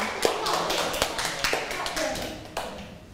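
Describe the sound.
Scattered, uneven hand claps from a group of children, a few sharper smacks standing out over a steady patter, with faint voices murmuring underneath.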